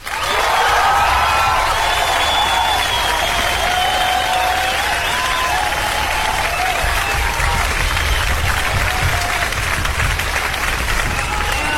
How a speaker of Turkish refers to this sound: Bu alkışlar deli kızaydı. Deli kızı biliyorsunuz özel karşılıyoruz. Ona özel karşılama.